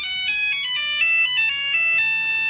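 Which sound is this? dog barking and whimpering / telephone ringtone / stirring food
telephone ringtone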